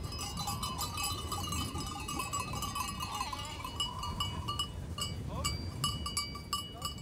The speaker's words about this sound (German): ist inzwischen mit seiner Ziegenherde eingetroffen. Wie die meisten anderen geht er beim Auftrieb mit, seitdem er ein kleiner Junge ist.